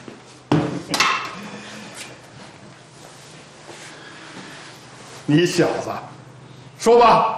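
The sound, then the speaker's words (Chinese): Metal clangs ring out from hammering on a large steamer pot that is being repaired: a couple of sharp strikes early on, a pause, then a cluster of louder ringing blows near the end, with voices faintly underneath. “我现在正在修理这口大蒸锅， 这锅没什么毛病啊。”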